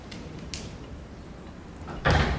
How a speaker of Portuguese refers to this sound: Ele passa por uma porta e a fecha.